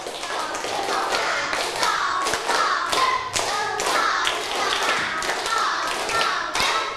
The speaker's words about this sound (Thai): ปรบมือเป็นสเต็ป1รอบ